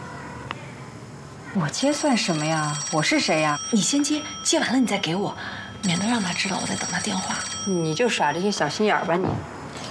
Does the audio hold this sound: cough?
no